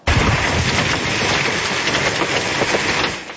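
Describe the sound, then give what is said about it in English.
Hailstones the size of loonies and golf balls pound down on a town about an hour and a half south of Calgary, Alberta, on a Tuesday evening in a massive storm with heavy rain and strong winds, a dense, continuous, loud roar of rapid impacts holding steady before easing slightly at the end, with no voices. “This is wild hail the size of loonies and golf balls hammering a town about an hour and a half south of Calgary Tuesday evening.”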